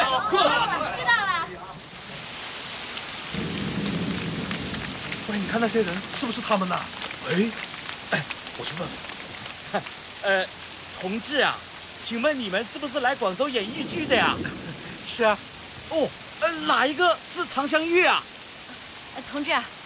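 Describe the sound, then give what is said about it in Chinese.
Steady rain hisses and patters throughout, an even wash of falling drops, while several people talk and call out over it; a Henan opera troupe in the rain in Guangzhou, protecting their props and costume trunks. “下雨了，大伙儿都利索一点，把道具、服装箱保护好啊。”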